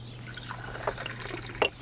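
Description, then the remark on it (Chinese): Water is poured into a cup to offer a guest a drink. It pours and splashes in short bursts, with bright trickling and dripping sounds over a steady low hum, ending in a louder splash. “来，点水。”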